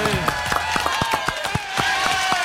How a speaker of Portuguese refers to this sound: Uma salva de palmas para José Calil.